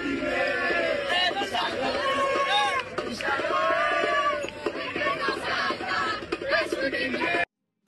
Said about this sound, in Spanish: Y el Monumental late afuera. La hinchada se congrega con gritos y con consignas para despedir a Messi en su último partido con la selección argentina.